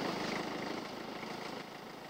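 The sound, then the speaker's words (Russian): A tractor engine chugs steadily at moderate volume as the tractor approaches, a rough, continuous mechanical drone, holding fairly even and easing slightly toward the end, with no voices. “Вот уже трактор подъезжает, сейчас подойдет и к нам”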